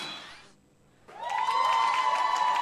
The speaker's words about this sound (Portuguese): Muita uma então, salva de palmas.